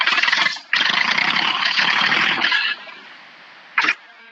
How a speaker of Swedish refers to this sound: men jag vet inte om det hörs i radio, men jag skulle starta traktorn för jag sitter nu, jag är på väg.